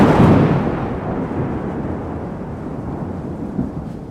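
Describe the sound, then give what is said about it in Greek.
A loud, deep crack of thunder from a lightning strike, on 29 November 2025 as a town hall Christmas tree was being lit, bursts at the start and rolls away into a long, low rumble that fades slowly over several seconds, with no voices. “Ακριβώς εκείνη την ώρα έπεσε ο κεραυνός.”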